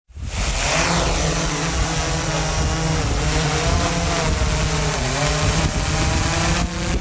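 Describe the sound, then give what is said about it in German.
A drone of the kind used to rescue roe deer fawns flies with a loud, steady whirring buzz from its rotors, the pitch wavering slightly as it hovers for several seconds, with no voices. “So tönt eine Drohne.”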